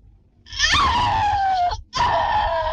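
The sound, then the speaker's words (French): A woman's shrill, sustained scream for a film's shower scene, in a De Palma film, in two long bursts, the first gliding slightly downward in pitch, then a brief gap before a second loud cry; no talking. “Après plus d'une heure d'enquête, de bandes magnétiques, de montage et de faux semblants, De Palma nous invite discrètement à nous souvenir de ce cri.”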